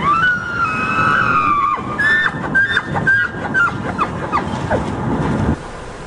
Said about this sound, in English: It is amazing mating season for elk. Yeah. And these are the males letting everyone know they are open for business.